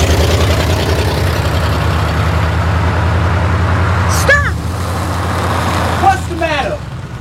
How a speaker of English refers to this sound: Hurry up, Fanny, here comes the truck. You don't want to walk all the way to the cotton field, do you?